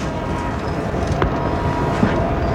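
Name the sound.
moving train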